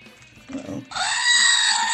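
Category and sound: animal, goat bleating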